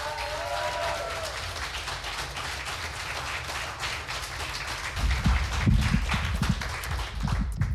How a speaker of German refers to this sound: Sie wird eröffnet von einem jungen Mann aus Wien. Heißt ihn bitte herzlich mit einem 10-Punkte-Applaus hier vorne willkommen.